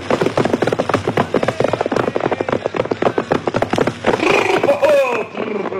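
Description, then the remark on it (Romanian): A fast, steady run of hoof clops from a horse being mounted and ridden fills the first few seconds, then the horse lets out a loud, wavering whinny near the end as the clopping fades and it stops. “Uite, încalic pe cal și mă opresc în fața boierului.”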